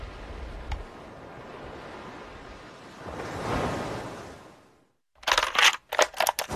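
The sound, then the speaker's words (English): A soft, steady wash of ocean surf rises into a single swelling wave that breaks and recedes into silence, followed by a few sharp, crackly bursts of noise. “Whenever I'm in stressful situations or places I don't want to be, I can literally turn to the sound of the waves and feel that place of calm and peace and really where I want to be.”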